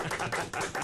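A short burst of applause from a small group, with dense, crisp claps pulsing in steady waves at a moderate level and no voices.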